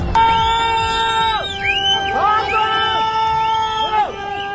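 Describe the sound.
Villagers in a hillside village in the region on the Nepal–Tibet border scream, whistle and despair as they watch a flood arrive, long high wailing cries rising and falling over a steady rumble of agitated voices, several calls overlapping in loud, anguished waves.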